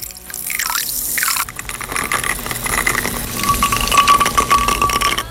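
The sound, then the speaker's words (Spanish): Rum with lime is poured into a glass in a kitchen, with a brief rising gurgle at the start, then a steady splashing, fizzing stream and a faint ringing tone near the end. “mientras el ron con lima se prepara en la cocina.”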